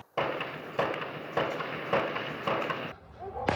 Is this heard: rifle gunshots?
yes